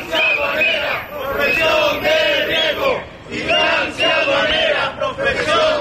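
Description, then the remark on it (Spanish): A crowd of Spanish Tax Agency (Agencia Tributaria) workers, gathered in front of the agency's delegation in Las Palmas de Gran Canaria during a one-hour partial strike, chants together in loud, rhythmic bursts of shouted phrases, with one brief dip between two long stretches of unison voices. “Así se han concentrado frente a la delegación de la Agencia Tributaria de Las Palmas de Gran Canaria en plena campaña de la renta.”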